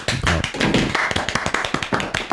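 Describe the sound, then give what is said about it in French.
A burst of applause, many hands clapping in a dense, steady patter that stays fairly loud for a couple of seconds, with no voices over it. “Et ça, ça s'applaudit.”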